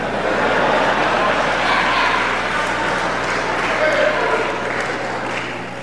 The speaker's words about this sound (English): How many of you are 50 years and older? May I see your hands, please? Wait, now I don't ask you to applaud, but you should applaud. I guess they did well. They got to 50.